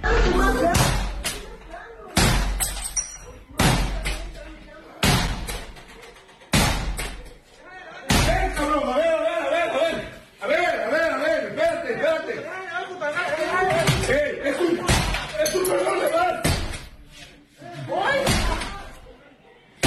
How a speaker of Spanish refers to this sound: Estás en la madrugada en tu casa y un comando armado y rompen la puerta, la pareja les dice tranquilos y se la llevaron.